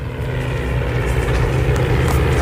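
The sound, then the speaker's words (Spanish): A propeller engine on a Spanish Civil War-era airplane drones steadily and loudly, a constant low rumbling throb with a slight buzzing edge, holding the same intensity throughout with no voices. It is heard during a reenactment of a Civil War air battle at Villanueva del Pardillo, Spain. “Escuchen el motor.”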